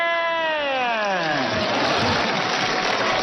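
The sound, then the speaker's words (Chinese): A human voice imitates a bleating sheep or goat with one long, wavering cry that slides downward in pitch, followed by a wash of noise like an audience laughing or clapping. “这个有山羊 啊咩咩咩。 这个有绵羊 啊咩咩咩。”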